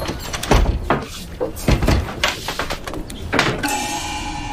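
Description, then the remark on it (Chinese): Several irregular knocks on a small door, fairly loud, spaced out over a few seconds, followed by a steady mechanical whir at the end. “敲个门。”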